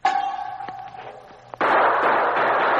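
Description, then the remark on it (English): A metallic ringing clatter fades under a few sharp cracks, then a sudden loud burst of gunfire erupts in a dark room, three guns firing and a sergeant firing back at the gun flash, roaring on without pause and echoing indoors. “Three guns fired at the sound, and the sergeant fired at the gun flash.”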